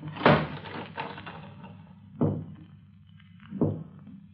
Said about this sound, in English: Dan, were you knocking at this door?